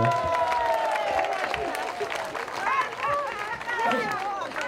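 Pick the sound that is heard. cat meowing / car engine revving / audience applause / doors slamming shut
audience applause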